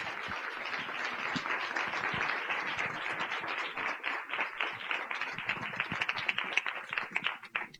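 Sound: audience applause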